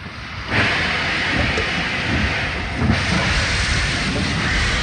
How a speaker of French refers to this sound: Les trains rejoignent Soissons puis l'Allemagne.